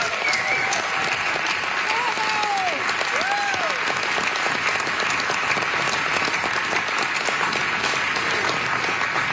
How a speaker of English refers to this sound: And that alone deserves some applause.